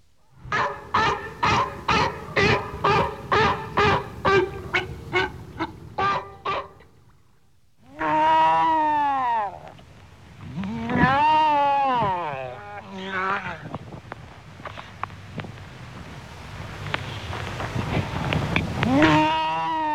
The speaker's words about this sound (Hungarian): A fókák többnyire halakkal élő ragadozó vízi emlősök, jellegzetes ugatóhangjukkal nagy zsivajt csapnak a fókatelepeken.